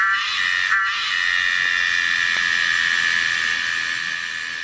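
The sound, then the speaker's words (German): A cicada, Tosena melanopteryx, calls in one loud, unbroken, steady buzz with a piercing high whine running through it, with no pauses and no voices. “Das Tier heißt Tosena melanopteryx.”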